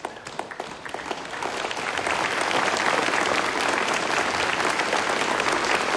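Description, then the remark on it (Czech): Theatre audience applause at the end of a play starts as scattered claps and quickly swells into a dense, steady wall of clapping that stays loud to the end, with no voices. “Chcete-li však zatleskati, šotek vám to vděčně splatí.”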